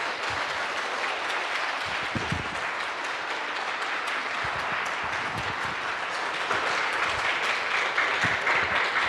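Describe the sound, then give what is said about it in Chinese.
A large crowd applauds warmly and steadily for several seconds to welcome a speaker, a dense wash of many hands clapping at once, with no voices standing out. “我们用最热烈的掌声欢迎”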